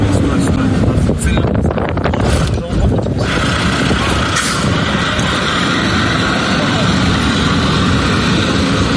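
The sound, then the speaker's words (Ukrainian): A fiber-optic FPV drone buzzes overhead with a steady, high-pitched whine as police try to shoot it down, partly buried under loud wind buffeting the microphone throughout. “Ми бачимо павутину оптоволокна між гілок дерев і чітко чуємо його звук над нами.”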